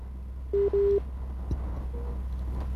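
A busy tone from a dropped phone call: two short steady electronic beeps in quick succession, then a brief faint click and a fainter tone over low line hum, with no talking.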